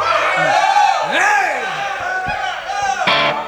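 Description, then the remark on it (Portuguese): A live show audience cheers loudly and steadily after the performer asks them to make noise, with whoops and shouted voices rising and falling above a dense wash of noise, plus a few sharp claps near the end. “Se vocês fizerem barulho, eu acredito.”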